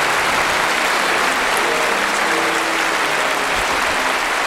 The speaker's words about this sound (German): Herzlichen Dank, meine Damen und Herren. Herzlichen Dank für den wunderschönen Applaus.